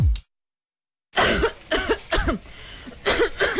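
A person coughs repeatedly, four or five harsh, raspy bursts in an uneven rhythm after a brief silence.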